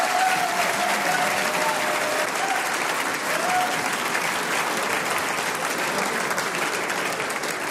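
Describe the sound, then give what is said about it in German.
Sustained audience applause fills the whole stretch, a dense, steady wash of many hands clapping at an even, fairly loud level with no pauses and no one speaking over it. “das ist dein Applaus.”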